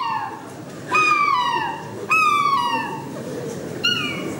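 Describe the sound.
A person imitates a happy gull's calls: three loud, bright, descending cries spaced a second or so apart, with no talking.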